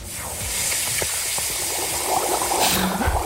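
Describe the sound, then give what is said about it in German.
Water splashing and sloshing as a person dips their feet into water, with a steady rushing hiss and several soft splashes scattered throughout, with no one speaking. “Soll ich mal zeigen, wie das gestern klang, als ich meine Füße ins Wasser getan habe?”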